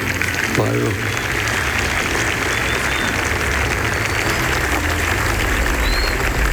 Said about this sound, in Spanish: Saludamos al cuerpo diplomático que se encuentra presente en este acto. Un aplauso, por favor, muchachos.